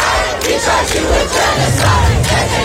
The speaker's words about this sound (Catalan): Un Netanyahu que va rebre crits dins l'Assemblea de l'ONU i també fora.